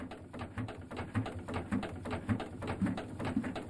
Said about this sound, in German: Also die Dampfmaschine, vielleicht hören wir einfach mal kurz hin, wie sich das denn anhört.